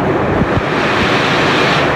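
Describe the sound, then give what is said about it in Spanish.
Heavy rain pours down in a dense, steady roar of crackling hiss, much like food frying in oil. It stays loud and unbroken throughout, with no voices. “Ya, no sé si en la lluvia están friendo sopaipillas o pescados o papas fritas.”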